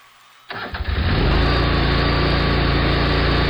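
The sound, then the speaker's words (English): A Bad Boy tractor engine cranks and catches after a brief moment of quiet, then settles into a loud, steady running rumble, with no voices. “Others climb on a bad boy tractor and handle it.”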